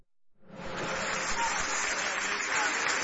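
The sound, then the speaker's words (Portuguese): An audience at a church service bursts into steady, dense applause for Jesus after a brief quiet start, the clapping holding loud and even for a few seconds with a lively crowd texture. “Vamos recebê-la, ai, ai, ai, com aplauso bem forte para Jesus”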